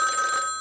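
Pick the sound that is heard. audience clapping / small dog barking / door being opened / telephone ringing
telephone ringing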